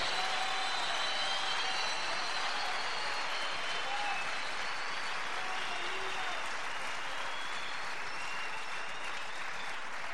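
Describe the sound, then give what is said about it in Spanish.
An audience applauds steadily for about ten seconds, a dense, even wash of many hands clapping with no pauses, faint voices and a few brief tones mixed in beneath. “¿Por qué tenés miedo de aplaudir si el Espíritu te está moviendo?”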